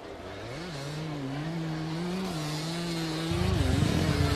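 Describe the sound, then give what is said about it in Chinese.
A motorcycle engine hums at a steady idle, its pitch wavering slightly, then grows louder and rougher near the end as the throttle opens, as riders set off on motorcycles after being organized into groups. No one speaks. “编组完成之后，乘摩托车出发。”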